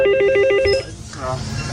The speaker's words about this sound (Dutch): En ze lopen dan naar de brug in het dorp om die handmatig open te draaien voor passerende boot. Mm-hmm. En dat belletje, dat klinkt als volgt.